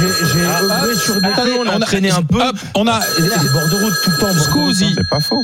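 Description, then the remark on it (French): A telephone rings for an incoming listener call to a talk show, with a steady, high electronic tone that continues throughout, partly buried under lively overlapping voices talking over it. “On a un appel GG, c'est-à-dire l'une de nos grandes gueules qui est en train d'écouter l'émission, c'est la nouveauté et qui veut intervenir.”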